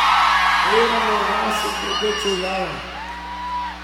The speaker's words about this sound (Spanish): ¡Que siga el grito de las mujeres!